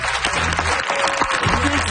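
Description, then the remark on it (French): Steady audience applause for Marc Hervieux and Raphaël Roy at the close of a karaoke special of the show Apéro public, a dense crackle of many hands clapping at once, loud and sustained throughout with no voices. “Est-ce qu'on peut applaudir bien fort Marc Hervieux et Raphaël Roy qui ont été parmi nous dans cette dernière heure d'émission?”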